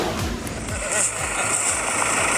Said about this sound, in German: Das ist das Geräusch, wenn der Traktor aufs Feld rollt, um die Kürbisse vom Feld zu holen.